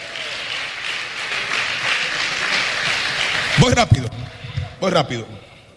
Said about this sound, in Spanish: Den un aplauso a Jesús, por favor.